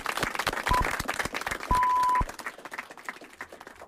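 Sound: applause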